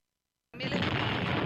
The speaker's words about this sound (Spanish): Tenemos disparos en Iquique. Atención, Santiago, han vuelto a comenzar los disparos en el Huáscar y la Esmeralda.